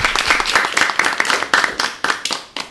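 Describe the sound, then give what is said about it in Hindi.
Loud applause from an audience at a competition for a team scoring 50 points, a dense crackle of many hands clapping that thins toward the end into fewer, more distinct claps. “लंबा line with 50 point, जोरदार तालियां।”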